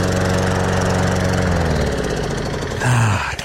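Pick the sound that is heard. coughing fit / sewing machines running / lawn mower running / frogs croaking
lawn mower running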